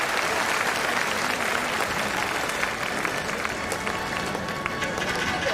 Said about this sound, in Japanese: 会場の皆様、大きな拍手で選手にエールを送ってください。